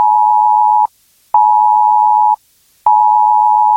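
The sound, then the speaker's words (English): A loud, steady electronic alert tone from a mobile phone, from a planned UK government test of the emergency alerts system, sounds in three long pulses separated by short silences, with no voices present. “You'll get an alert like this on your mobile phone.”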